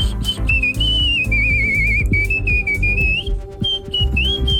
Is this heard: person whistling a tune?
yes